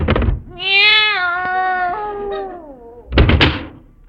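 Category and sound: animal, cat meowing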